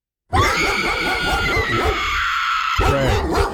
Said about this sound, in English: Pit bull? Yeah, that'd be a pit bull.